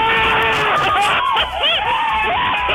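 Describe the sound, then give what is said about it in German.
A loud crowd cheers and screams together, played on the Swiss radio station SRF 3, a dense roar of many voices with high, rising shouts and whoops breaking out above the steady din. “Das wäre mal ein Jubel.”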